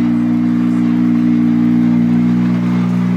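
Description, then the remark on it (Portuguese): Hugo Lopes's rally car engine idles steadily as it arrives at Arganil with a steering problem, a constant low rumble with a droning hum that holds even throughout, with no one speaking over it. “Dá atenção porque o Hugo Lopes está nesta altura a chegar a Arganil. Continua o carro naquele estado que estamos a ver.”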